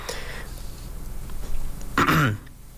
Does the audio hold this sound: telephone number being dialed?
no